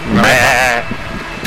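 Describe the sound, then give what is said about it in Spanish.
A single loud sheep bleat with a shaky, quavering pitch lasting under a second, likely a voice imitating the animal, followed by faint background noise and a brief bump at the end. “Una oveja.”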